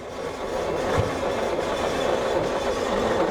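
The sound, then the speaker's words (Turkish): An old 900 cc engine, with the ignition on, cranks as its starter button is pressed, with a steady, rhythmic mechanical churning that holds at an even loudness for a few seconds without catching. No voices are heard. “Şimdi marş düğmesine basarak çalıştırıyorum.”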